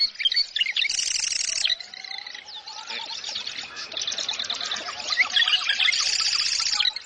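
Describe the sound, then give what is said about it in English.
A marsh wren sings rapid, buzzy, rattling trills in repeated bursts, loud, with other birds chirping faintly in the background. “The marsh wren.”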